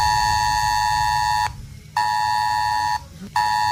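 A loud, harsh ES-Alert emergency test alert tone blares from mobile phones in Calahorra, Spain, in long steady bursts, cutting off twice for brief gaps before resuming, with no voices over it.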